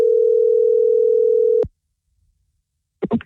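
A steady telephone ringing tone from an outgoing phone call hums for about a second and a half, then cuts off into silence before a voice briefly starts to answer at the very end.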